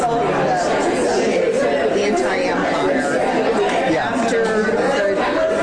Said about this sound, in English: So much crowd noise, it's hard to pick it out. Is that after coffee and donuts with the preacher after church?